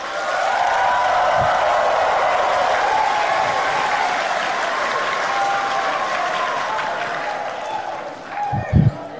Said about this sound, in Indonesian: Kok tepuk tangannya paling keras?